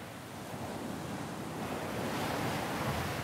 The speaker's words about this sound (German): Der Wind weht an diesem Teil der lettischen Ostsee oft heftig.